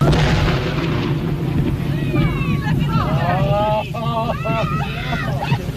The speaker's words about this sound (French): la détonation et les retombées de morceaux de cadavres de baleines.